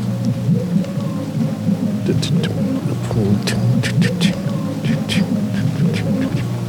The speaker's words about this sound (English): You can hear the rain.